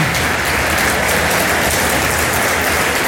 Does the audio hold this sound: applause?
yes